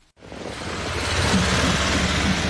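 The first flag-adorned trucks trundle across the 1-kilometer-long two-lane road bridge over the Tumen River between North Korea and Russia, with a steady, broad engine roar that swells slightly and a low droning hum running underneath. No one speaks.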